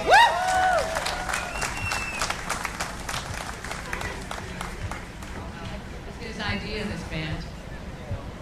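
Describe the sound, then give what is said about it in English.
An audience at an event in honor of Scott Ages applauds the Jamaican Me Breakfast Club in steady applause, dense overlapping claps that carry on throughout, with a brief rising whistle or cheer at the start and crowd murmur mixed in. “Give it up for them.”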